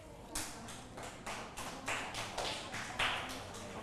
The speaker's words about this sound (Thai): ทุกคนปรบมือให้กลุ่มที่1หน่อยค่ะ